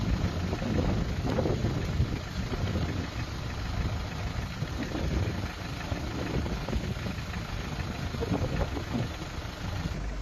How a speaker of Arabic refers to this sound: الكميات الكبيرة من المياه وجدت طريقها سريعاً نحو مجرى النهر